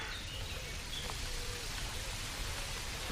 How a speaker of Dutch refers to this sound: Het geluid van een stromende beek in het dorp Beek. Zwartkop op de achtergrond.